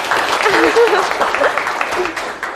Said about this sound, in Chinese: 好，非常积极主动啊！来，给点掌声吧！